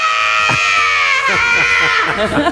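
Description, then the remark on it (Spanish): A man lets out a loud, sustained scream of sudden pain, reenacting his cry when injected with adenosine, strained, wavering and breaking up toward the end. “Haz el grito.”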